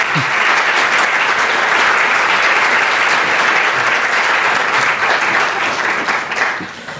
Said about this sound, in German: Dicker Applaus für euch.